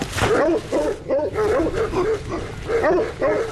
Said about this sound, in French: Est-ce que vous pouvez me montrer vos patous? Pas de souci. On peut faire un petit tour? Ils vont aboyer.